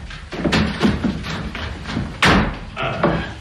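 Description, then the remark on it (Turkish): Several dull, uneven knocks pound on a door, followed by a louder heavy thud and clatter as the door is pulled open. “öldürür mü yahu, açın kapıyı. Geldim, geldim.”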